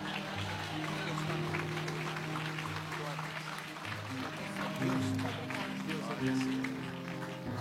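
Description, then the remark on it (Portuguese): An audience claps for Jesus in gratitude to God, in loud, dense, continuous applause, with sustained low tones and raised voices mixed in underneath the clapping throughout. “Quem é grato a Deus, aplauda Jesus.”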